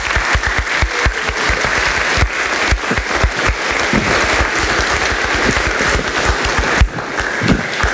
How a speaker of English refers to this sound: Well, would you join me by your applause in welcoming the newest member of our family?